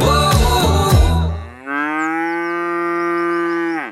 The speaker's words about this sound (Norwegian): Det der var lyden av en ku på utmarksbeite.